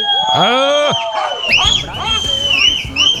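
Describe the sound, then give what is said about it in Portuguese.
Several workers at the Coreluz facção, working there since 7, let out a loud, ragged group shout, high pitched and sliding up and down, followed by a few more scattered yells and whoops for about three seconds. “Cadê o grito?”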